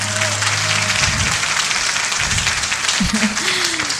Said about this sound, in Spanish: Un gran aplauso para este grandioso marco musical que esta noche nos acompaña.